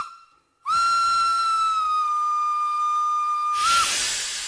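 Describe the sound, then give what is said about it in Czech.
A train whistle sounds one long, steady, shrill note lasting about three seconds as the train departs from a station platform, then cuts off into a loud rush of hissing steam. No one speaks. “Vlak se hnul.”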